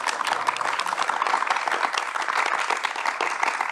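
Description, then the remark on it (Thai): A crowd applauds a mother and her child at the close of the family program Kwa Ja Toh, dense overlapping hand claps forming a continuous, fairly loud wash of sound with no voices over it. “ขอเสียงปรบมือให้กับทั้งสองคนด้วยนะครับ”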